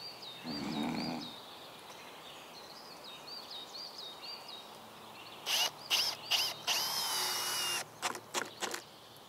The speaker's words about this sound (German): Leitbulle Samson ist ganz schön neugierig. Samson, du hast keinen Kettensägenschein. Lass es.